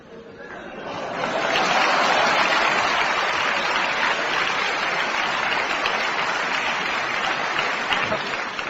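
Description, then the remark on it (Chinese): Sustained applause from an audience for a performer acting as Grandma Li in the opera scene 'Painfully Recounting the Revolutionary Family History' swells up within the first second and a half, then holds as a steady, dense wash of clapping at an even, loud level until the end. “来， 李奶奶， 嗯， 一转弯，我这李奶奶要像，您就给我鼓掌。”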